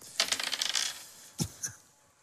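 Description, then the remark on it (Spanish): Dice rattle and clatter across a hard game board in a quick burst of small clicks, followed by two sharper knocks as they settle, rolling a three. Fairly quiet, no voices. “Oye, tiren los dados, ¿quién lo tira primero?”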